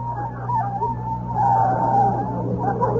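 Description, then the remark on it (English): Car tires squeal in a long, wavering screech as the car skids to a stop at a parking space by NBC Studios, over a steady low engine rumble, loud, with no voices. “All right, I'll stop the car.”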